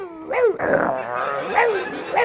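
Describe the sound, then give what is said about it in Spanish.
A person growls and barks in imitation of a vicious, snarling rabid dog inside a wardrobe, several harsh rising yelps in quick succession, loud, with a rough strained voice throughout. “Dice, no, al armario no entre, no cojas nada del armario, que hay el perro que se ha puesto rabioso, está el perro ahí dentro del armario. Y se oye dentro del armario.”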